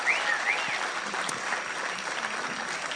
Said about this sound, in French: Un grand merci à la chorale Alassé. C'est un vrai défi de venir au centre culturel Chibaou sur une heure aussi tardive. Donc je voudrais à nouveau qu'on leur fasse un tonnerre d'applaudissements. Merci beaucoup.